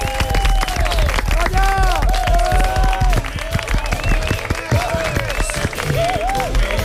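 A crowd applauds the cast of a stage play steadily and loudly, dense clapping filling the whole stretch, with scattered cheers and whoops rising above it.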